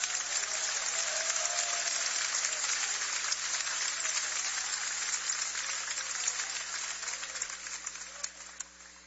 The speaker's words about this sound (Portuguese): Podem aplaudir, o Senhor merece.